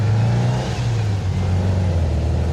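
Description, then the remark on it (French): An old Volkswagen Beetle, with its engine tinwork and interior padding removed, roars loudly inside the car, a steady low rumbling drone that dips slightly in pitch before holding level, with no voices. “C'est vachement bruyant parce qu'il y a toutes les tôles moteurs, tout ça, tout a été viré.”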